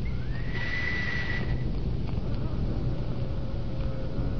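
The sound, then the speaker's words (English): A single high, steady whistle blast rises briefly into a sustained tone for about a second. Shortly after comes a faint mechanical click as the whistle's sound operates the electric lock of a burglar-proof door with no doorknob, and the door opens. All of this plays over a constant background hiss. “You see, the sound of the whistle operates an electric lock.”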